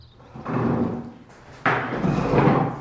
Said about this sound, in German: In der alten Grundschule am Ortsrand wuppt Andrea Teichert einen Stuhl nach dem anderen von den Tischen